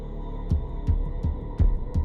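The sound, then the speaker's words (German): A pulsing film score beats out a steady heartbeat-like rhythm, five deep low thumps in quick succession over a sustained dark hum, loud and close with no voices. “Und da macht der Score etwas Besonderes. Er bestimmt das Geschehen und er gibt den Puls der Szene vor.”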